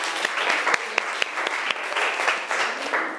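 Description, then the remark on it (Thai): A class claps together for the representative of group 3 in a steady, dense patter, with a few sharper individual claps standing out. The applause holds at an even, moderate level throughout, and nobody speaks over it. “ขอเสียงปรบมือดังๆให้ตัวแทนจากกลุ่มที่3”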